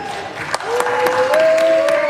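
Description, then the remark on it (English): Republican senators break into applause in the Senate after a 52-47 vote approving a $70 billion immigration enforcement funding package, with sharp, scattered claps building over steady crowd noise and a drawn-out cheering voice rising above it, loud throughout. “Republicans cheer as the Senate votes 52-47 to approve a $70 billion immigration enforcement funding package.”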